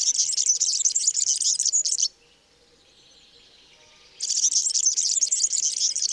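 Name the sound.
european serin song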